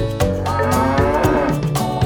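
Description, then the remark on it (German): A cow moos loudly, one long drawn-out low bellow with a rich, buzzing tone that wavers in pitch, with no talking around it. “Wie geht es, Frau Kuh?”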